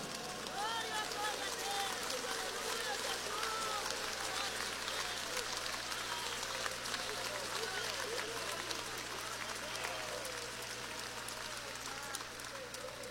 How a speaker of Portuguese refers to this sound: Só os que estão preparados vai levantar as mãos, vai dar um glória e vai dar uma salva de palmas bem bonita para ele. Vamos lá.